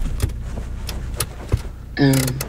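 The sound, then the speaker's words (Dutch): A car pulls up and stops at a cliff overlooking the sea: a steady low engine rumble with a few soft clicks and knocks, then a brief buzzing mechanical whine near the end. “We stoppen aan een klif die uitkijkt op de zee.”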